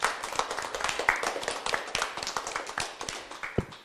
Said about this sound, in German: Hier gibt es Applaus vom Publikum für dich.